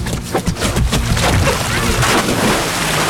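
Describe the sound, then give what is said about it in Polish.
A loud splash as someone takes a run-up and jumps into Lake Leśniańskie, near Czocha Castle, on a hot day, followed by a few seconds of churning, sloshing water and wind noise against the microphone. “No to rozpędzaj się, a ja nagrywam twój wielki plusk.”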